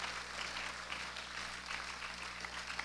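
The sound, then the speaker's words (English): A crowd at a commencement exercise applauding steadily for three valedictorians, dense overlapping claps forming a continuous wash of noise at an even level throughout, with a low steady hum underneath and no voices. “Once again, let's give our three outstanding valedictorians a well-deserved and resounding round of applause.”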